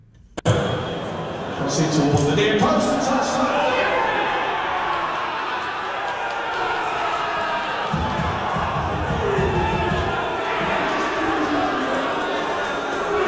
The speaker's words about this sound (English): Whoa, I can hear a little bit of booing going on there as well. But anyway, that's the action of the first goal.